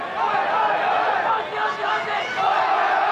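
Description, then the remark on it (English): A crowd of cricket fans, a pocket of Bangladeshi supporters with Aussie fans trying to counteract them, cheers and shouts steadily up in the Morris Rioli stand of the stadium, a dense, loud wall of voices rising and dipping slightly. “Saw a little pocket of Bangladeshi fans who were making plenty of noise and cheering along up in the Morris Rioli stand.”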